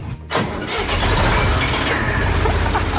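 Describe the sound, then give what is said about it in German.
An old 1977 field-equipment tractor with a front-mounted tipper cranks briefly, then catches and roars into a steady, loud, low rumbling idle that continues to the end, with no talking. “Ein Feldgerätetraktor mit Kipper vorne dran aus dem Jahr 1977.”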